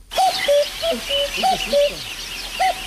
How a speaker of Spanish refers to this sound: A nadie le está sonando el despertador, es un cuco. ¿Vale? Sonó un cuco que hacía desde que no... desde que él vivía en el Tíbet no lo había oído